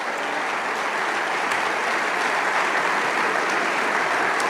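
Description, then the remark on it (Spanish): Sustained audience applause, a steady dense wash of many hands clapping at an even loudness throughout, with no voices standing out above it. “Vamos, dale ese aplauso.”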